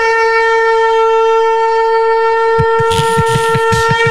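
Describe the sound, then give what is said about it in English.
A conch shell horn sounds one long, loud, steady blast with a rich buzzing tone. About halfway through, a rapid rhythmic pulsing flutters beneath the note. No one speaks. “Text back in at 8:22 this morning and says, has my conch question been given serious consideration, boys? Am I the only one that hates the sound?”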